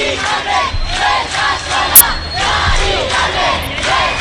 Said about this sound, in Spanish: La sirena de su ambulancia se mezcla con la de las furgonas policiales y una muchedumbre que clama en la calle, convocada por el sindicato de inquilinas.